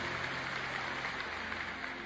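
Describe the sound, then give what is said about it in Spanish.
A church audience applauds steadily for the Lord during a sermon, a dense wash of many hands clapping at once that holds evenly throughout with no voices on top. “Dele un aplauso al Señor por eso.”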